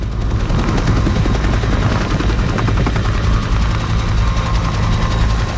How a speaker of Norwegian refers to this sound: Den kraftige rotoren drar det 11 tonn tunge helikopteret rett opp. Så blir det hengende et par sekunder før det setter fart fremover.